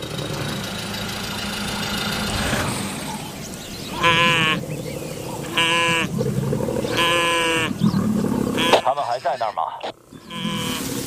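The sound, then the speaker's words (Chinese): A brindled wildebeest cries out in distress as two lions knock it down, giving three or four loud, drawn-out bleating calls in quick succession over the steady rumble of an idling engine. “对，没错，狮子已经把角马扑倒了，角马倒下了。”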